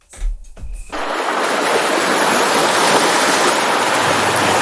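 A loud, steady wash of sea surf rushes in after a brief low rumble and keeps roaring without a break, like waves crashing on a beach.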